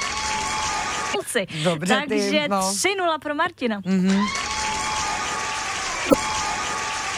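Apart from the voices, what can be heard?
audience applause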